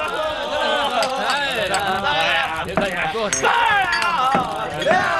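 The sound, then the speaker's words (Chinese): Several cups clink together in a toast, sharp bright taps scattered through a loud, lively crowd of overlapping voices and cheering. “大家都举起杯来，为他能做出这么好吃的泡饭，干杯！”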